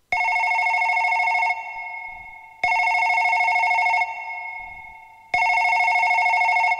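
A telephone rings loudly, three long electronic ring bursts in a steady rhythm, each fading briefly before the next begins, with no voices present.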